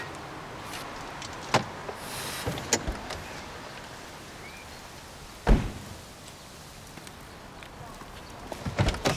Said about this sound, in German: Ist sie zu blöd zum Tür öffnen?